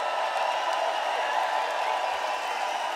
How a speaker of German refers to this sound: Okay, Applaus für den SWR, der alles auf die Beine gestellt hat, der sich für uns interessiert, für uns alle, die wir hier oben sind.